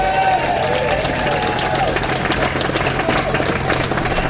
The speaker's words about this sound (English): Round of applause for our co-stars.